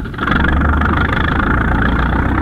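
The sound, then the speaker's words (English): A heavy rig engine rumbles to life and settles into a steady, loud idle, its low throbbing drone continuing without a break. No one speaks. “Start your engine, and I'll make the line ready.”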